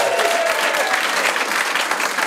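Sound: audience cheering and applause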